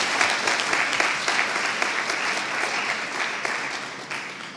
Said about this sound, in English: So let's give them one more round of applause for the hard work before we get started.